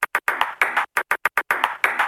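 A table tennis ball clicks out Morse code, a crisp rhythmic pattern of quick single taps and longer rattling bursts, with no voices.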